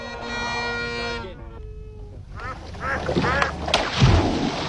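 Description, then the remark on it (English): A sustained tone fades out, then after a short pause a duck quacks several times in quick, raspy bursts, fairly loud, over a noisy background. “Watch this. Duck, fetch.”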